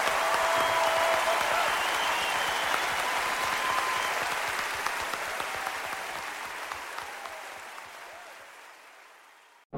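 A large audience claps steadily in a dense wash of applause, strong at first and slowly tapering off over about ten seconds until it stops abruptly, with no talking over it.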